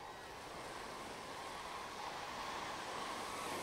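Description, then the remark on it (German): Steady wash of waves breaking along a Baltic Sea shoreline strewn with large boulders in Lahemaa National Park, east of Tallinn, Estonia: a continuous rushing roar with gusts of wind, loud, with no voices. “Die großen Findlinge bieten Schutz vor Wellen und Wind.”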